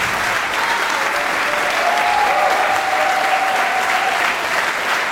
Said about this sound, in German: Applaus für Amélie Chemin und Paolo Pandolfo.